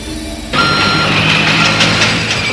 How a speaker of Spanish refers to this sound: Están dentro de una zona de carga en un edificio. Carros de carga se mueven por el lugar.